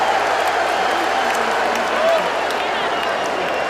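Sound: stadium crowd cheering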